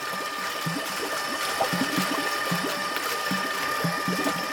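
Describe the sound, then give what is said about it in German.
A shiny, geometric stainless steel agitator about the size of a rugby ball, shaped like a flattened egg and hung in a fork, turns in water in a tank about 1.5 m high and 1 m wide. It makes rhythmic low churning pulses several times a second over a steady mechanical hum and hiss, creating a slight current. “Mit rhythmischen Bewegungen dreht er sich um sich selbst und erzeugt dabei eine leichte Strömung.”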